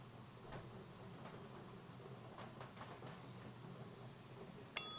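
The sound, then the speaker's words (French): A bell rings out suddenly near the end, a sharp bright strike that cuts through a steady low rumbling background, signalling one or more incoming calls during a bingo game. No one speaks. “Mon Dieu, ça m'a fait sursauter cette cloche-là. Ben, c'est comme vous le savez, ben, ça indique un ou des appels entrants.”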